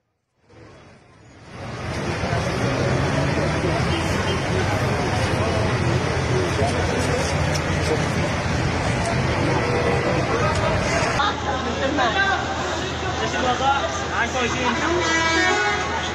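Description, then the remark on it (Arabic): A car ploughs through a street flooded by heavy rain with a steady, loud rush and splash of water, engine noise underneath, occasional horn toots and murmuring voices. “رايحين نسبح نحن كمان، نحن بعد السيارة عم نسبح.”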